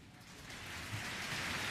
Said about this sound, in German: Und Sie hören den Beifall. Da ist er, Andres Orozco Estrada.